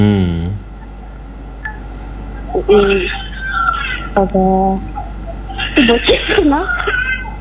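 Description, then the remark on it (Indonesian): Short electronic beeps from a mobile phone's keypad, being played with by a young nephew, come in a few quick bursts, clear, with high, warbling voice-like sounds mixed in among the tones. “Itu keponakan. Oh, keponakan tak. Biasa ini HP anak-anak sekarang. Oh, mau dia pakai.”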